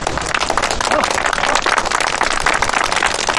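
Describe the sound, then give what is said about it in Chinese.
A group claps steadily for a few seconds, a dense, even patter of many hands at constant loudness, with a faint murmur of voices underneath, applauding a new comrade who volunteered to demonstrate a one-move takedown. “哟，新同志自告奋勇，鼓掌。”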